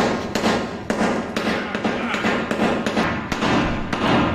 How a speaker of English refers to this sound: can you hand me that hammer real quick? I just want to...